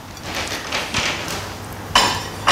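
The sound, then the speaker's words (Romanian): Cutlery clinks and scrapes against plates during a meal of mashed potatoes with butter and green onion and pan-cooked Iberian pork tenderloin with a cream, butter and mustard sauce; a scattered series of bright metallic taps with two sharper, louder clanks toward the end, no voices. “E gata masa, am tras cu ochiul, continuăm dialogul după ce mâncăm un pic.”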